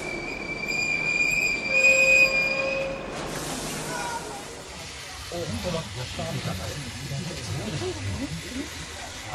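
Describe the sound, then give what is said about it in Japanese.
A crowded passenger train's wheels squeal loudly and shrilly for a few seconds as it brakes to a stop in a jungle after running many kilometres, then give way to a low rolling rumble of railcars, with muffled voices underneath. “それはとても辛い決心で、正しいかどうか確信はありませんでしたが、ともかく私たちは列車に乗り込み、狭苦しい不自由な状態で何キロも走った後、やっと止まりました。”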